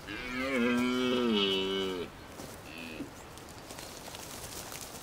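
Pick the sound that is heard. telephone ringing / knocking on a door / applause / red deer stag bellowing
red deer stag bellowing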